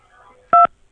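A single short telephone keypad tone, a steady two-pitch beep lasting a fraction of a second, sounds loud and clear after the faint trailing voice of an Industrial and Commercial Bank of China automated phone menu fades out.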